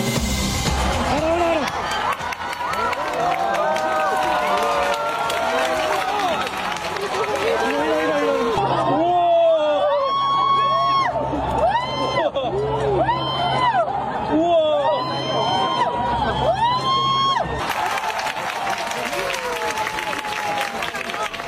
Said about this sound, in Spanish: El sonido del eclipse en Vizcaya. Aplausos, gritos en las calles, en los montes, en las campas y en las playas del territorio. Aplausos y emoción durante el momento en el que la luna cubría totalmente el sol.